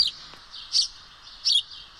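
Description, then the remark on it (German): A house sparrow chirps in short, bright bursts, with a few distinct louder chirps standing out over a steady background of chatter, clear with no one talking. “So hört er sich an, der Haussperling oder einfach gesagt der Spatz.”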